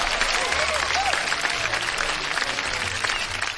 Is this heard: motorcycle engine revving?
no